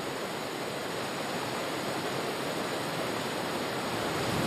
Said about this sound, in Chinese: 4月下旬，整个山区开始进入长达半年的降雨季。丰沛的降雨不仅浇灌森林，还不断集聚汇流，形成飞瀑。